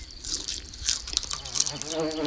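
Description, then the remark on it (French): A fly's thin, wavering buzz drifts in and out, rising and fading as it circles around a slice of bread with cheese at a picnic, mixed with small clicks and light crunchy sounds of eating. “Oh, une mouche. La mouche tourne autour de la tartine de pain.”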